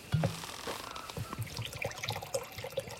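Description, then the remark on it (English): Water fetched for a cool drink splashes and trickles as if being poured into a vessel, with small drips and sloshing sounds over about three seconds, no voices. “Time for a cool drink. I'll fetch us water, Mother.”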